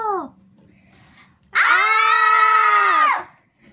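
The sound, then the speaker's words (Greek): A loud, sustained high-pitched shriek lasting about a second and a half, voiced by a person imitating aliens, preceded by a brief falling vocal squeal and a quiet low hum. “Τσίριξαν οι εξωγήινοι μετά που τους είδαν.”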